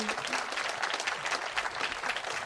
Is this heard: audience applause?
yes